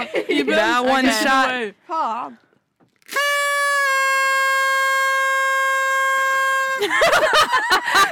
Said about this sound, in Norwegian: Jeg synes bare først kan vi sjekke hvem som får til lengst tone.